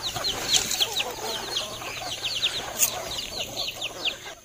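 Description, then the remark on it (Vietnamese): A flock of free-range chickens clucks and chatters continuously outdoors on green hillsides in Việt Lâm commune, Tuyên Quang province, Vietnam, many overlapping calls at moderate volume with short higher-pitched squawks scattered throughout, and no voices. “Thưa quý vị, dưới những đồi cây xanh mướt của xã Việt Lâm, tỉnh Tuyên Quang, những đàn gà được chăn thả tự nhiên đang trở thành nguồn sinh kế của nhiều hộ dân.”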